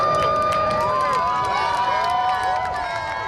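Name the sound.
crowd applauding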